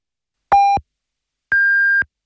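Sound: radio time signal pips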